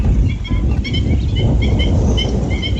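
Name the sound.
waterbirds calling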